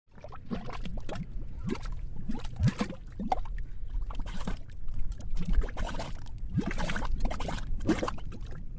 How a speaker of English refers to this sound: These are mud pots. They look like little volcanoes spitting gray mud. You can only find mud pots in a few places around the country.